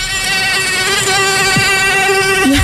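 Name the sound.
mosquito buzzing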